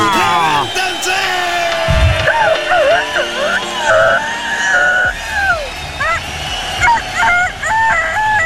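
Several roosters crow loudly and repeatedly, their calls overlapping into a continuous, fairly close chorus of harsh, drawn-out cries over a low background rumble.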